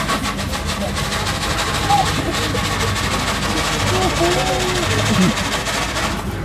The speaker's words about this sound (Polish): Pociąg.